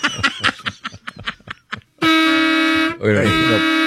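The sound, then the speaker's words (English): A brief burst of talking gives way to two loud, sustained horn blasts, each about a second long with a short break between them, blaring and harsh. “it was loud, but I would rather hear that horn again.”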